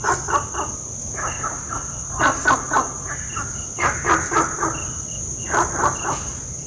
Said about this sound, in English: I have for you an audio recording of Gunther's frog in Singapore. Rivet in box, but no rivet is heard.